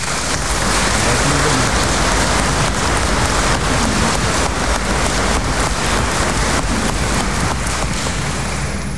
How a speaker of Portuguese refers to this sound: Por tudo isso, queremos então que sejam acolhidos e saudados com uma grande salva de palmas.